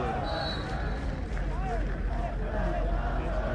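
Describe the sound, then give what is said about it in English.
A small cluster of visiting families and friends from the Irish crowd cheers and calls out over a steady, low murmur of an otherwise hushed crowd, with a few rising shouts standing out briefly from the background hum. “You just hear some of the visiting families and friends from the Irish crowd cheering here, Kagan.”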